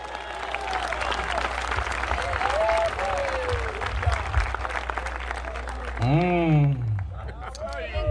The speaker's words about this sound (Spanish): Para gloria de Dios, dele un fuerte aplauso.